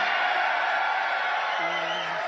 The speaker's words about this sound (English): A little too much cheering there for my level of comfort.